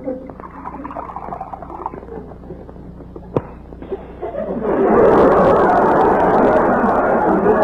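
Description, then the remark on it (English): Loud, dense crackling and popping of Snappies cereal snapping as milk is poured over it, in the radio show The Life of Riley, bursts in after a quiet murmur and a single sharp click, then holds steady to the end. “You know what goes on when you pour milk over these Snappies.”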